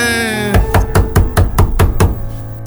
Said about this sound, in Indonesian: Siapa subuh-subuh geder-geder pintu? Gak sopan amat sih.